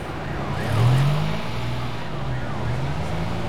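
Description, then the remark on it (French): Busy city traffic as the light turns green: car engines rumble as they pull away, motorbikes weave through and trucks rev their engines, a steady low roar with a brief swell near the start and no voices. “Les voitures démarrent. Les motos se faufilent. Les camions font rugir leurs moteurs.”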